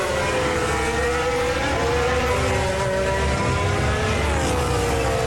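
A race car engine in a sim racing game drones steadily at high revs, its pitch sliding slightly up and down as it holds speed while overtaking backmarkers and driving through debris, loud and continuous with no voices.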